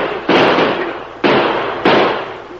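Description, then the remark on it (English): Three loud gunshots fired at a fleeing rider ring out at uneven intervals, each a sharp crack that trails off into a rumbling decay before the next one fires. No voices are heard. “Shoot at him, boys.”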